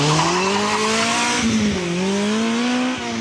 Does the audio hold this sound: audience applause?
no